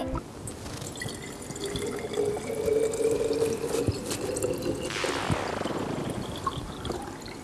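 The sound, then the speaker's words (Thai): Water pours steadily into a bottle, a continuous splashing gurgle whose hollow ringing tone climbs higher in pitch as the bottle fills. No one speaks. “จากที่เมื่อสักครู่ได้ยินเสียงเนี่ยเสียงเป็นยังไง เสียง มัน เป็นยังไง น ะ เสียงมันแบบสูง โอเคและนั่นคือสิ่งที่จ้ะสิ่งที่คิดว่าทุกๆคนน่าจะเคยได้ยินเสียงแบบนี้ทุกครั้งเรากรอกน้ำใส่ขวด หรือเวลาเราเติมน้ำลงไปในภาชนะเนาะ”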